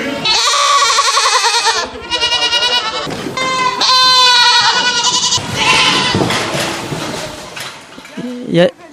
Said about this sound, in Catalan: Molt bé, doncs farem una entrevista de les cabres.